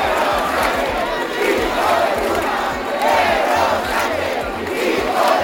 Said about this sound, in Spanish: Miles de personas han salido también a la calle aquí en Santiago al grito de Sánchez dimisión y entre insultos al presidente del gobierno.